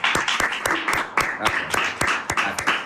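Steady applause from a small group after a song, sharp claps landing in a quick, fairly regular rhythm over a dense patter of hand noise, continuing for about three seconds.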